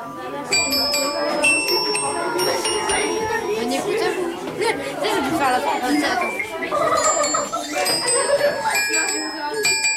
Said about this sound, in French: Le générique et le jingle doivent aussi être de mise pour une émission de qualité. Avec le professeur de musique, les élèves ont fait teinter les carillons.